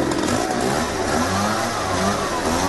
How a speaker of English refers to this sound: So police responded and tracked the guy down, but it wasn't a bazooka. It was actually a leaf blower. Yeah, one-man landscaping crew just looking to help people clean up.